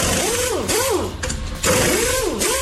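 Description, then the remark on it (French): An electric drill whirs steadily, its motor pitch rising and falling in repeated smooth cycles, with a short break in the middle before it revs again. “Ouais, perceuse ou visseuse automatique électrique, quoi, tu vois.”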